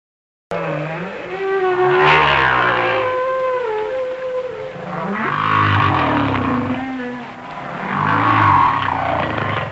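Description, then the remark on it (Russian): Humpback whale song: long moaning calls that glide up and down in pitch with rich overtones, swelling in three loud waves over a steady, unbroken stretch, with no voices. “Вначале голос гигантского горбатого кита.”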